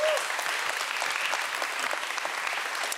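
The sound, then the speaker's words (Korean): Steady applause from a sizable audience for a participant who acted out the Korean proverb about a cousin buying land, fills the whole three seconds, a dense, even patter of many hands clapping at moderate loudness, with no talk over it. “큰 박수 부탁드립니다.”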